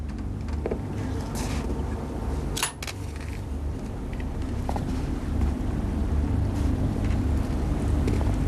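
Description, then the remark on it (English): Steady outdoor ambience of wind and moving river water at boat sheds, with a constant low rumble, broken by a single brief knock partway through; no one speaks. “You ask him to meet you at the boat sheds.”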